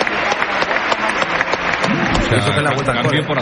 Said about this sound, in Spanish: Sale Satriano, entra Mayoral, esta es la ovación del Coliseum. Todo el mundo en pie, ¿eh?